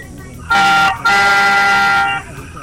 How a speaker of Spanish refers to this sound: El Coco te va a pedir que toques el claxon de tu automóvil. Estupendo. Hermano, dos bocinazos largos ahora mismo. Venga.